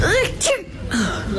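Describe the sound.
A sharp sneeze bursts out amid short voiced sounds, followed by a brief pause and more vocal noise.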